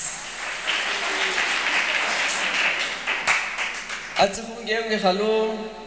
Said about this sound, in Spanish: Fuertes aplausos, hermanos y hermanos y hermanas.